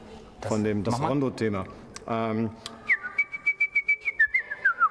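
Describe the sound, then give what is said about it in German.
A voice speaks briefly, then a clear whistled classical melody follows, the Rondo theme that Mozart's little bird always whistled: a quick run of short, evenly pulsed notes that step up and down before drifting lower at the end. “Der kleine Vogel, den Mozart hatte, der hat immer das Rondo-Thema gepfiffen.”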